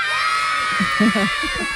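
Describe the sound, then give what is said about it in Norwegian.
A crowd of children shouting and cheering together in an excited, continuous roar as they run and push toward an ice cream truck offering free ice cream from radio station P4, with overlapping voices rising in short bursts, loud. “det bare kommer unger bare tytende og løpende og presser seg på og dytter bort lærerne og slåss for å komme seg inn i isbilen”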